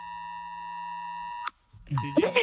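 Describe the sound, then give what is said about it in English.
A national emergency alert test tone, sounded at 2 o'clock as part of the national test: a steady, piercing electronic tone with stacked harmonics held for about a second and a half, then cut off abruptly, followed by voices talking. “Sean chose not to be part of the national test.”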